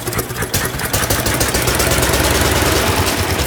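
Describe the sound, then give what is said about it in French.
A two-cylinder, water-cooled engine with magneto ignition is started with a hand crank; it sputters unevenly for about a second, then catches and settles into a loud, steady idle with a rapid, throbbing rhythm, no voices. “Vous pouvez le mettre en marche, s'il vous plaît? La manivelle, là, oui.”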